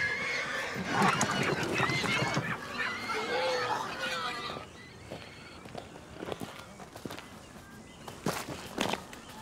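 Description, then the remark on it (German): A crowd of many pigs squeals and grunts in a loud, dense chorus, then settles into quieter snorts with a few sharp squeals and shuffling steps. “Bitte, bei so vielen Schweinen.”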